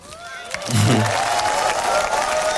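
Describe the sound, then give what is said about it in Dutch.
A large audience breaks into sustained applause for author Raoul de Jong, from the front to the very back of a field. A dense wash of many hands clapping with some cheering mixed in, swelling quickly and holding steady and loud throughout. “En hij krijgt de handen daarvoor goed op elkaar. Van voor tot helemaal achteraan het veld.”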